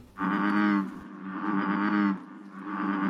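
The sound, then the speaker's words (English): An American bullfrog croaks its jug-a-rum call three times in a row, forcing air back and forth between its lungs and bulging vocal sacs; each call a deep, droning, resonant rumble lasting nearly a second, with only brief pauses between them and no other sounds. “That's the romantic serenade of the American bullfrog, forcing air back and forth between its lungs and bulging vocal sacs to produce its iconic jug-a-rum croak across the bayou.”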